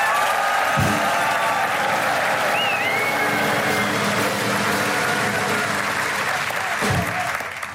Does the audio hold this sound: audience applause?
yes